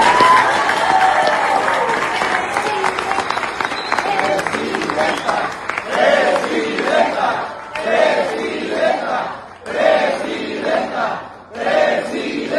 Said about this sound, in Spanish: primero un aplauso para la presidenta Claudia. Sí.